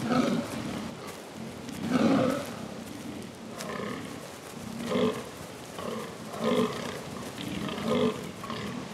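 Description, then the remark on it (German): Fallow deer stags give hoarse, belching rutting groans over and over, a steady series of short guttural calls, some overlapping as if from more than one animal, loud. Several males with large palmate antlers, weighing about 80 kilograms, call at a rutting ground in mating season to impress females. “Mit rauen Rufen versuchen sie, Weibchen zu beeindrucken.”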